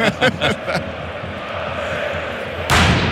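Four loud pyrotechnic blasts boom in quick succession from the south stand of Rajko Mitić stadium during a football match, followed by a steady crowd roar, then another powerful blast near the end.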